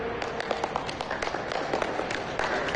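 A few seconds of applause: many hands clapping in a dense, uneven patter at a steady moderate level, with no voices over it.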